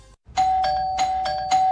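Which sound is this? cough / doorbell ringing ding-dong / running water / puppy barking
doorbell ringing ding-dong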